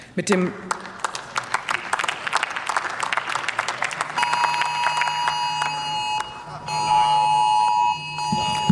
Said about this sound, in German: Wir machen unsere Handys aus. So, Sie haben es gehört, der bundesweite Alarmwarntag, der betrifft auch hier die Abgeordneten natürlich im Deutschen Bundestag.